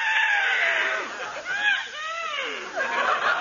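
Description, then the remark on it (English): A loud horse whinny from a small horse named Numbskull fills the moment, a quavering, high-pitched call whose pitch wobbles up and down in several trembling bursts over about three seconds. “Oh, what a cute little horse.”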